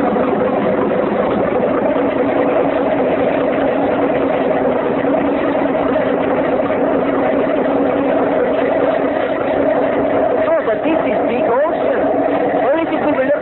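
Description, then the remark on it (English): A motorboat engine runs steadily and loudly the whole time, a continuous rumbling drone with no pauses. “Oh, but it makes big noise.”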